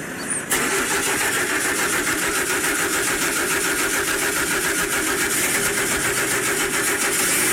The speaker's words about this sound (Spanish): El que no me quiere prender es el carro. Ese sí lo tengo como resabiador. Vamos a ver si me prende.